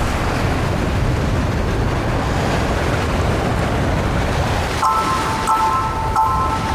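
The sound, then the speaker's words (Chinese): Heavy ocean surf roars continuously against a shore where the waves are biggest, a dense wash of breaking waves with wind, and a thin tonal whine joining in near the end. “在海浪最大的地方，一种美味的野生食材正到了采收季节。”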